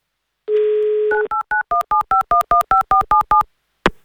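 A steady telephone dial tone gives way to a quick, even run of about a dozen beeping keypad tones as a radio show dials a contest participant in Moscow, ending with a short click; no one speaks.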